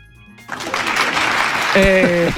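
Microtonal applause breaks out from a crowd, a dense wash of clapping that swells and holds steady, with a few sustained tonal notes rising through it near the end, giving a slightly dissonant feel.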